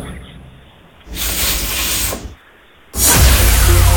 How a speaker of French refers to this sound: Un défroisseur vapeur. Défroisseur vapeur, oui, effectivement. Prendre un vêtement, par exemple, afin de le défroisser.